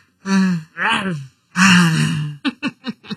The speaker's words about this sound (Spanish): De hecho, ahorita bostecé antes de leer los mensajes.